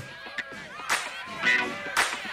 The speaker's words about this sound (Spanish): está martillando por ahí una puerta y por ahí a una ventana también